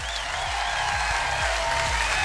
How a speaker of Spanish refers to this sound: Aplauso para ese mensaje, por favor.